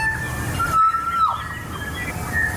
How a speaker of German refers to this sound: 1.36 Uhr ist die junge Nacht der ARD und das hier ist ein Kokako.